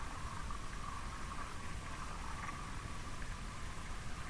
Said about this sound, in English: we hear this cracking, this small cracking, which is actually from the ionosphere. No, it's very, very far away that we can only hear because there's not human-made interference nearby.